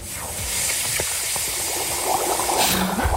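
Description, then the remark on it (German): Feet dipping into water, with continuous splashing and sloshing full of small bubbly clicks and fizzing, steady for a few seconds with no talking. “Soll ich mal zeigen, wie das gestern klang, als ich meine Füße ins Wasser getan habe?”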